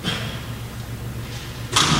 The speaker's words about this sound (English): We're just gonna try to fix the noise situation for those online by just shutting these doors really quickly. Thank you. Thank you for bearing with us on the technical aspect of closing the garage doors.